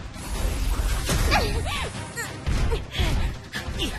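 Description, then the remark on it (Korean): A Raptor Bolt crossbow arrow is fired with a sharp mechanical release and swishing flight, followed by several heavy thwacking impacts amid a loud, busy clatter of action sound effects and whistling tones. “랩터 볼트 화살 발사!”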